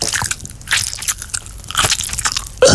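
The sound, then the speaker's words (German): Someone crunches and chews on peppermint tea bags: a run of dry, crackly bites in irregular bursts, fairly loud, with a sharper crunch at the very end and no talking. “Pfefferminzteebeutel naschen?”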